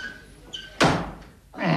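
A heavy door takes a loud impact, then after a brief lull a second forceful hit lands, like someone pounding and slamming it. A faint squeak comes just before the first blow.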